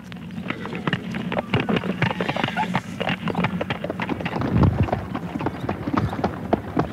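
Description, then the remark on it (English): A horse pulling a light sulky clip-clops along at a steady trotting rhythm, the sharp hoof beats repeating throughout over a low rumble of wheels and wind. “Look, I'll ride in the sulky with you.”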